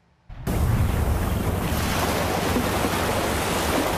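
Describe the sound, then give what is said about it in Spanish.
Ocean waves surge onto the Pacific coast of Guatemala during storm Cristina, the sea overflowing and wrecking houses and hotels, in a loud, continuous roar of churning surf, starting abruptly after a brief silence and sustained throughout, with a gusty wind-like rush. “En amplias zonas costeras del Pacífico, el mar se salió y arrasó casas y hoteles, mientras ríos desbordados y deslaves han provocado muertes, evacuaciones y cientos de emergencias.”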